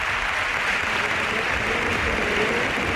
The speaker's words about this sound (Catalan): Sí, en el vídeo marcador, amb una imatge de Dani Jarque amb la samarreta de l'Espanyol i aquests aplaudiments que sentim. Ja és habitual, oi, de fa anys, això?